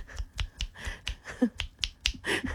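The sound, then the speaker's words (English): A rapid series of about ten sharp finger snaps, made to get someone's attention on the Hit 104.7 radio show, evenly spaced and fairly loud, clicking insistently with no voices in between. “It's rude to click at someone.”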